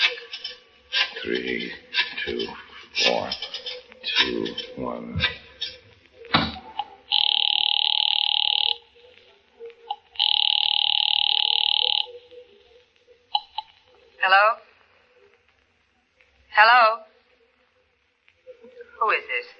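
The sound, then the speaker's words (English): A telephone rings twice, two long, steady, fairly loud buzzing rings separated by a short pause, with people talking before and briefly after. “Yeah, you got a phone in here.”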